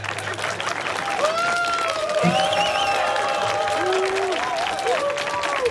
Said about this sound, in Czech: Nechte je zatleskat.